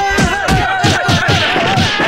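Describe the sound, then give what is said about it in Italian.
A group of people, about eight, slap at once on a count of three, a ragged flurry of around eight or nine sharp, loud smacks spread over two seconds, over a steady background tone and murmur. “Dateci tutto uno schiaffone, dai!”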